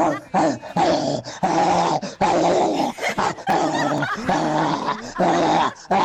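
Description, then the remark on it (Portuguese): A person imitates a crazed dog barking, growling and snarling in a run of loud vocal bursts separated by brief pauses, lasting several seconds. “Mas eu quero o latido de cachorro louco.”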